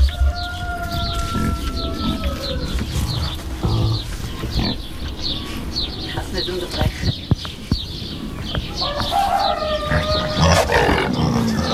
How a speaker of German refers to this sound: Wildsau.